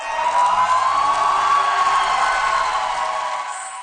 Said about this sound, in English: Crowds cheer for Hungary's new prime minister, Peter Magyar. He was sworn in this morning after unseating the country's leader for more than 15 years, Viktor Orban, in last month's election.